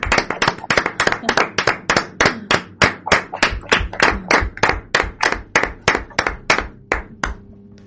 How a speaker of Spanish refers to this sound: Bueno, pues ahora vamos a pasar a hablar con las monitoras y la directora, y vamos a darles un aplauso por lo bien que lo están haciendo con vosotros, ¿no? Y para ellos también, para todos.